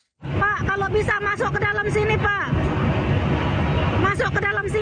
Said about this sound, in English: Crew on a rescue boat call out to a jam-packed lifeboat. The ferry was carrying more than 100 people between Bali and Lombok.